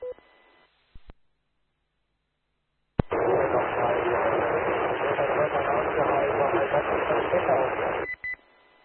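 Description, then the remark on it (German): A burst of loud, hissing amateur radio static lasting several seconds, with a weak amateur radio transmission lost somewhere in the noise, framed by short beeps and clicks as the channel opens and closes. “Negativ, du bist leider noch immer im Rauschen irgendwie.”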